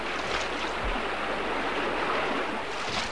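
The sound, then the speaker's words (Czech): A steady, full-bodied roar of a big flooded river, too swollen for its banks, fills the whole stretch without pause, churning water with a faint low rumble underneath and no voices. “dnes ráno říkali u ohně, že je nebezpečné pouštět se s loďkou daleko do proudu, když velká řeka řve, jako dnes.”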